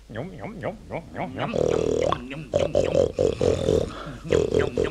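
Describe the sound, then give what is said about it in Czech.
A man vocally imitates a piglet, producing a run of rough, throaty grunts and snorts followed by louder, drawn-out squealing grunts, with no other sounds. “A jako takovej budete dělat jiný zvíře. Víte co? Uděláte mi čuňárnu. Je to těž čuňátko, tak hezky, no.”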